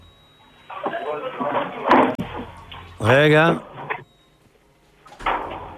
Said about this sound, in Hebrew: תעבור למקום שקט, אני שומע שם מלא כיסאות ועניינים. כן, במקום שקט.